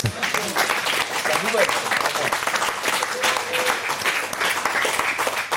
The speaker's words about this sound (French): Et ça, c'est plutôt une bonne nouvelle que je vous demande d'applaudir.